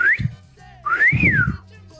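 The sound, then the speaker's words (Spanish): A person whistles a two-part catcall: a short rising note, then a longer tone that swoops up and falls away. The whistle is loud, with some breathy low rumble underneath. “Y cuando cruzaba una chica, primero le chiflamos.”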